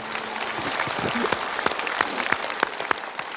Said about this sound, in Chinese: 我们观众用掌声为这位母亲鼓个掌吧。